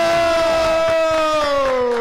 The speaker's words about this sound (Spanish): ¡Fuerte el aplauso para la Escuela Técnica número 3, la industria!